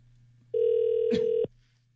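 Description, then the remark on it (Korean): A single steady telephone ringback tone sounds for about a second, clear, over a low background hum, then cuts off abruptly, as a phone call to a listener is placed. “신호 가고 있습니다.”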